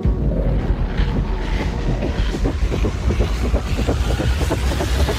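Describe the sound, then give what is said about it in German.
A recording of wind turbines turning, used by opponents of a planned wind park to show its noise: a steady low rumbling drone with wind noise and a faint repeating pulse, loud and continuous with no voices. “Auf ihrer Webseite tönen die Windräder so da.”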